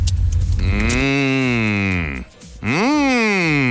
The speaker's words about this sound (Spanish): Dijo una vaca.